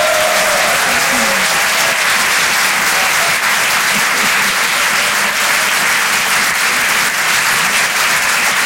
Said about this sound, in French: Merci d'applaudir très fort pour sa première ce soir sur Rire et Chanson Comedy Club